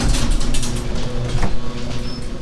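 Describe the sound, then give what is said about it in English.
A home garage door rumbles and rattles as it slides shut, a steady mechanical grinding with a low hum and a brief clunk partway through, fairly loud. “Close the garage door first.”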